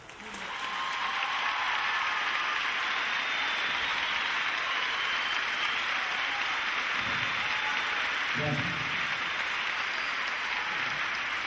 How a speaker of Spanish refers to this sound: Estos aplausos son tuyos.